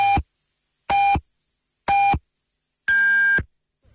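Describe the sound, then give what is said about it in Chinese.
Radio time signal on Yanbian Radio and Television's Chinese-language news station marking 21:00 Beijing time: three short, evenly spaced electronic beeps about a second apart, then a longer, higher-pitched final tone, loud and clear with no talking. “北京时间21点整。”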